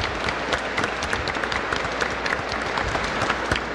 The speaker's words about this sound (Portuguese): Vai ser um novo membro da igreja. Por isso os convido que possamos dar uma salva de palmas para essa nova pessoa que estará conosco.